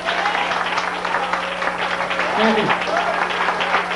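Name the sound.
applause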